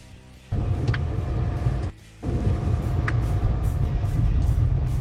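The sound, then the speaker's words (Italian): Steady, muffled road and engine rumble from inside a moving car, loud and low-pitched, dropping out briefly near the start and again around two seconds before resuming. “Qualcuno in macchina, ok.”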